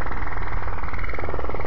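A loud, continuous military digital-mode radio transmission with a buzzing, rapidly pulsing warble over a band-limited hiss, steady throughout and heard alone with no voices.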